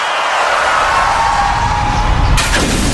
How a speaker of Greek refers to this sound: Ωχ, πάει το μπαμπρίς. Ποιος τον ακούει τώρα? Γυναίκα, τι έπαθε το αμάξι? Δεν έφταιγα εγώ.